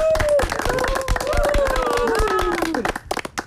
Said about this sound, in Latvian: Aplausi